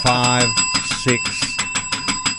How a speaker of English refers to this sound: Somebody take the bell away. I knew that would confuse you.